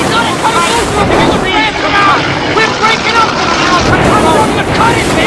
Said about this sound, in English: Water pours onto the boat as violent waves crash against the stern.